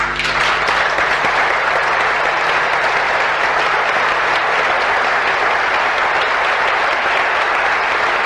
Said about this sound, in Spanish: Aplausos.